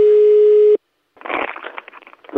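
A loud, steady mid-pitched telephone busy tone after a dropped line holds for under a second and cuts off, followed by a short silence and then scratchy, crackling line noise.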